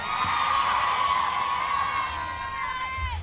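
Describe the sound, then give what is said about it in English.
A loud, sustained boo from an audience member, reacting to a mention of marriage, rises over a steady roar of crowd noise, holding for a few seconds before trailing off, with no one speaking. “Somebody booed marriage.”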